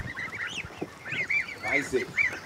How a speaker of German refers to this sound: Das sind dänische Fleischgänse, weiß ich, ne, alle. Die sind jetzt knapp 14 Tage alt.